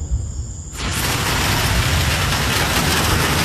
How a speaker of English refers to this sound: All right, here's the rain. Woo. It is coming down like crazy. Holy moly. Wow. Woo.